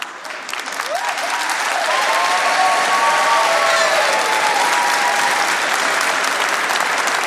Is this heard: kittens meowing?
no